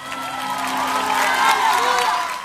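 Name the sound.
audience applauding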